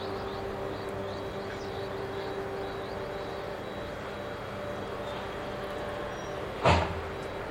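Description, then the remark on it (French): A truck's engine rumbles steadily with a low, droning hum, then a single sharp clunk rings out near the end as the truck stops beside a monument erected in 2006 for the 20th anniversary of the disaster, in front of the concrete sarcophagus over reactor number 4. “Le camion s'arrête près du monument érigé en 2006 pour les 20 ans de la catastrophe.”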